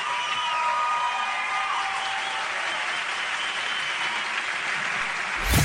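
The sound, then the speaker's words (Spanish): An audience applauds God loudly and steadily, a dense wash of many hands clapping with scattered whoops and cheers, holding at an even level throughout before ending abruptly. “Aplaude fuerte a Dios”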